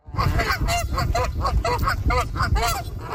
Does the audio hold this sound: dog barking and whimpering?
no